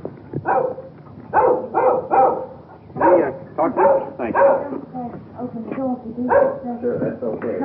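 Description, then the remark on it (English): A small dog barks and yaps over and over in quick, uneven bursts, loud, keeping up the noisy barking for several seconds without pause as it follows people up the walk of a small English-type cottage with a rose-covered fence, keeping at a safe distance. “Little dog following us. Keeping at a safe distance. He's making an awful lot of noise for a little fella.”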